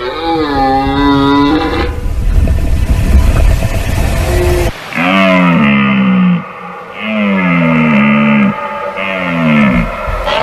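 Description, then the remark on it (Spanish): Red deer stags bellow during the rut, a series of loud, deep, drawn-out roars with a strained, groaning tone, broken by a rough, noisy stretch partway through. “La berrea en todo su esplendor.”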